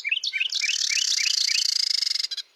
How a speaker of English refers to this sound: In North America, breeding pairs of Carolina wrens sing duets to strengthen their bond and defend territory. The male repeats a series of clear notes, accompanied by the female's steady trill.